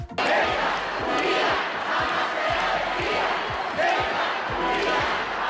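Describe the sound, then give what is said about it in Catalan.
Thousands of people in the streets of Ceuta, Spain, applaud and shout to welcome King Felipe VI and Queen Letizia, with chants claiming the autonomous city, a dense continuous roar of voices with rhythmic low thumps of clapping or stamping running steadily underneath. “Milers de persones els esperaven als carrers entre aplaudiments i crits de reivindicació de la ciutat autònoma.”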